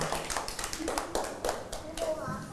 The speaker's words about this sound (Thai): เก่งมากปรบมือให้